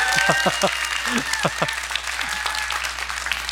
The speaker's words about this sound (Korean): 그렇죠. 이때쯤에 이제 박수가 나와야 되는데.